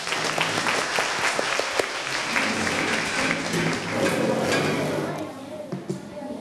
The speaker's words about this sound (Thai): เชิญเลยกลุ่มที่4ขอเสียงปรบมือได้เลยครับ